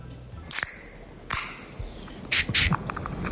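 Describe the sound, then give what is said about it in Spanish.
A beer can being opened: sharp metallic clicks and cracks, then brief bright bursts of hissy fizz toward the end, fairly quiet over a faint background with no talking. “A ver, puede ser el amartillado de una pistola, un golpe de nudillos en una puerta, un cascanueces o la apertura de una lata de cerveza.”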